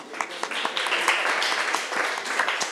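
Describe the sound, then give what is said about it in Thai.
A group of schoolchildren in class clapping for a classmate who answered a question correctly, a dense, steady patter of many overlapping hand claps lasting a few seconds with small sharp peaks, and no talking over it. “ถูกต้องเก่งมากปรบมือให้เพื่อนหน่อยค่ะ”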